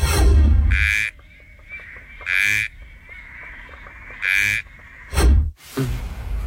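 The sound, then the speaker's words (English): A frog calls in loud, buzzy bursts, about four of them spaced a second or two apart, each a harsh croaking pulse standing out clearly against a quiet background of softer chirps. “Here is your first frog.”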